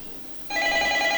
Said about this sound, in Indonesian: Ampun, ini HP-nya ya. Oh, ada telepon nih, jadi kepotong bluetooth-nya.